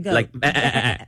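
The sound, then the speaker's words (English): A person imitates a giraffe's bleat with two quick, wavering, goat-like vocal bleats, the second longer and shakier, fairly loud. “You know what sound giraffes make, right? No. From Disney World. Yeah, I think we learn this on the Kids trip every year. Yeah. It's a bleating sound.”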